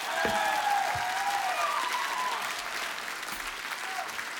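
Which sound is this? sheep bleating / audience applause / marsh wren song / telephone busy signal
audience applause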